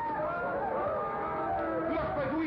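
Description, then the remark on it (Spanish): A deafening war cry from desert raiders attacking riders on horseback among desert dunes: many voices shouting at once, a dense, unbroken wall of overlapping, wavering yells that holds at a steady level throughout, with no clear words. “Y apenas caballos y jinetes traspusieron las dunas que los separaban, un grito ensordecedor los paralizó.”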